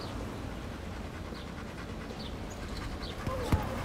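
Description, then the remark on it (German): A female dog pants heavily and steadily while glancing hectically around in reaction to the surrounding stimuli, a rough breathy rasp going on throughout, with a brief thump near the end and no voices. “Hektisch ein bisschen hin und her guckt, doch relativ stark hechelt auch.”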